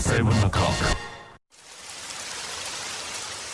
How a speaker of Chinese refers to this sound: 知道天上为什么要下雨吗？仔细听啊，那是我的思念滴滴答答滴入你的心，告诉你我在想你。